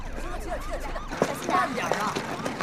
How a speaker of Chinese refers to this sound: 哟，出事了，救护车都来了，没这么多人啊。